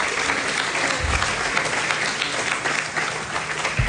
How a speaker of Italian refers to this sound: Mi fate un applauso per il direttore. Grazie.